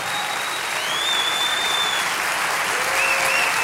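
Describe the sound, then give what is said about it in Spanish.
A church audience at a worship service applauds for the King of Kings, steadily and loudly throughout, a dense wash of clapping from many hands that holds at full strength for several seconds with no voices standing out. “Vamos a darle ese aplauso al Rey de Reyes.”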